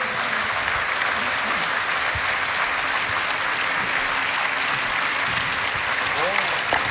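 Steady, dense applause from a large audience after songs at a summer night concert fills the whole stretch, a continuous wash of many hands clapping with no pauses.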